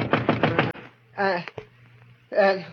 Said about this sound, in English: And then a knock on the door wakened me.